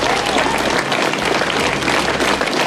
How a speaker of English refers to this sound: Well, there was massive applause given to the outgoing PM by a packed Downing Street full of advisers and friends.